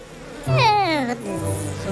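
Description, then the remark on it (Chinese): Honeybees being settled into a new hive buzz in a steady, nasal drone that swoops down in pitch and then levels off, lasting under two seconds with no talking over it. “蜜蜂会喜欢他们甜甜的新家的。”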